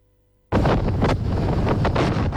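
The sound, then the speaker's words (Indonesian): Loud, steady wind rushing and buffeting a microphone outdoors aboard the ship KRI Dr. Wahidin Sudirohusodo 991 sailing the Pacific Ocean toward Vanuatu, with a churning roar of the vessel moving through open water, starting abruptly after a brief quiet moment. “Saat ini kami bersama Satgas Terpadu Port Visit 2026 tengah berlayar di perairan Samudra Pasifik menuju ke negara Vanuatu, Fiji, Salomon, Papua Nugini.”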